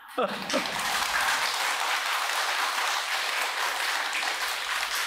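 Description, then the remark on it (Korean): An audience at a Buddhist dharma talk, the eighth of the day, breaks into applause, a dense, steady clatter of many hands clapping that stays loud and even for several seconds after a brief vocal sound at the start. “야, 내가 오늘 여덟 번째 법문인데 여덟 번 만에 처음 나오네 박수 소리가.”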